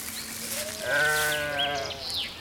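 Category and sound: animal, sheep bleating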